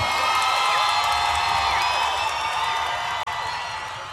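A large concert crowd in São Paulo cheers and screams in a steady, dense roar, many high voices overlapping at full volume for about four seconds, with one brief dropout near the end.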